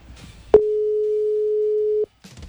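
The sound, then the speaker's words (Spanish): An outgoing WhatsApp call's ringing tone, calling someone in another country: one steady, clear electronic tone lasting about a second and a half, with faint voices just before and after it. “Lo voy a llamar por WhatsApp a ver si escucha, porque es de otro país.”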